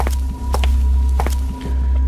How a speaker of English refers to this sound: Are we going to hear the footsteps again? We are.